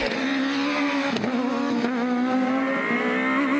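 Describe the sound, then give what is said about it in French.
A rally car's four-cylinder engine screams at 9000 rpm, a loud, sustained wail with slight pitch dips as gears shift, continuous with no voices. “Je vous laisse profiter du son incroyable de ce 4 cylindres qui hurle à 9000 tours.”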